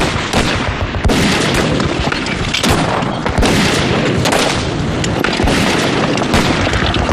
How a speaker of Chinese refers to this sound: 徐队长，桥给炸了！